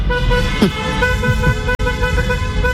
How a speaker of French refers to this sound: vous n'avez pas trop entendu les klaxons?